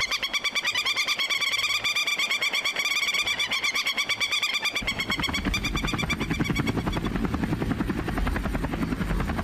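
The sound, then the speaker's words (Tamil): A Chinese army helicopter draws closer, its rotor chopping in a fast steady rhythm that grows into a deep, loud roar as it nears. No one speaks. “அது army helicopter மாதிரி இருக்கு.”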